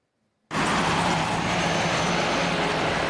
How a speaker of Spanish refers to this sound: El ruido de autos llega hasta las aldeas del Yaraguá. En la zona noroeste de São Paulo, el territorio indígena está junto a algunas de las principales autopistas de la ciudad.